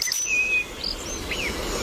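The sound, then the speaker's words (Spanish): A European robin, identified by the Merlin bird ID app, sings a few thin, high, whistled phrases, the brief notes sliding up and down over a steady hiss of outdoor background noise. “Petirrojo europeo.”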